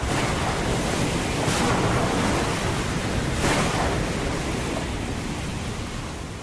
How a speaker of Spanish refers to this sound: Ha dejado de ser un sonido tranquilo, ahora la mar está algo embravecida.